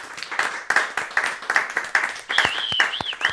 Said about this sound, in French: Merci, on peut l'applaudir.